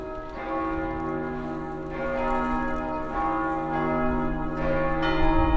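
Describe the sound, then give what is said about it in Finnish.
A church bell in Sweden tolls at 5:30, striking several times at a slow, steady pace, each strike leaving a rich, humming resonance that overlaps the next. It rings moderately loud with no voices present. “Kello soittaa jo 5:30 ja on aika jatkaa matkaa syvemmälle Ruotsiin.”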